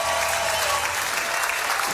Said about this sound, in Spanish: Fuerte el aplauso, muchachos, por favor.